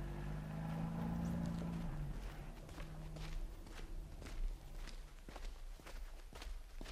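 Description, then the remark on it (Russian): Soft footsteps crunch along at a steady walking pace, quiet, as people continue on foot keeping absolute silence, over a low rumbling hum that fades after the first couple of seconds. No one speaks. “Машину убрать, дальше пешком, соблюдать абсолютную тишину.”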